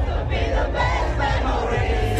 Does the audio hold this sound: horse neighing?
no